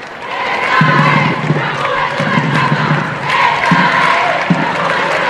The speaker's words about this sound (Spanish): Y de ahí en coche al Palacio Real, recibido en la distancia al grito de "Esta es la juventud de España y vivas al Papa, salva reales".